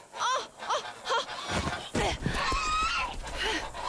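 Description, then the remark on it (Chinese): Several geese, adults and goslings, honking as they are shooed away, harsh nasal calls rising and falling in overlapping bursts, with a low rumble of movement and some background noise underneath. “快点把大鹅扔出去了。”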